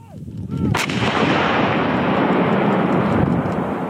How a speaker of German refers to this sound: Eine Kanone donnert direkt an der Grenze zu Belarus. Diesmal ist es eine französische NATO-Kanone, die übungshalber, aber mit scharfer Munition abgefeuert wird.